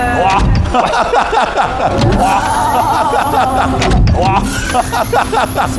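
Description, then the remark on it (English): A large car's motorized doors whir as they swing upward, a steady electric hum running for several seconds beneath lively overlapping chatter from a crowd. “This is a nice gimmick with, you know, the, I don't know how to call it, the flying doors opening, which was nice.”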